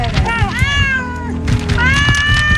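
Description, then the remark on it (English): Cats meow in two long, drawn-out, wavering cries, loud, one after the other over a low rumbling background murmur. “These cats are getting drowned.”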